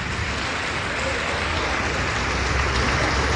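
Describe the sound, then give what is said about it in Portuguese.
A church audience applauding in the name of the Lord Jesus, in a steady, dense wash of clapping that holds evenly loud for a few seconds, with a faint murmur of voices underneath. “Vamos aplaudir mais, igreja, vamos aplaudir mais.”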